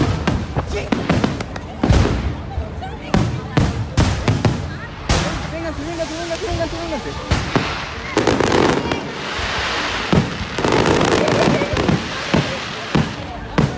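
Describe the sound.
Fireworks explode in a rapid, irregular barrage of loud bangs and crackles, some sharp, others booming, with a wash of crowd voices and noise between the blasts, as an accident in launching the rockets at a fireworks show sets off hundreds of explosions all around.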